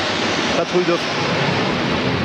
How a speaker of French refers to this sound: la patrouille de France arrive. La patrouille de France est en train de nous survoler. Vous l'entendez ? Oui.